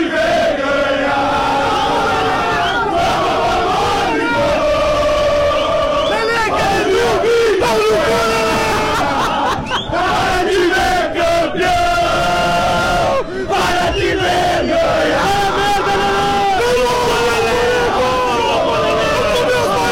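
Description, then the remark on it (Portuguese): A massive crowd of Grêmio football fans chants and sings together in the arena ahead of the Grenal match, loud and unbroken throughout, with rhythmic swells of many voices in unison. “A torcida do Grêmio na arena, onde estamos com o nosso posto avançado para o Grenal de logo mais.”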